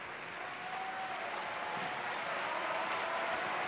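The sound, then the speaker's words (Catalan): Sustained applause from a large opera audience at the curtain call, an ovation for the evening's lead pair, first for German mezzo-soprano Cristina Stanek as Charlotte. It is a dense, steady wash of clapping that holds at an even loudness throughout. “I ara ovació per la parella de la nit.”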